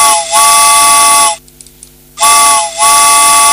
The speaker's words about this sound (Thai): ตอนนี้รถไฟค่อยๆเคลื่อนตัวออกช้าๆนะคะ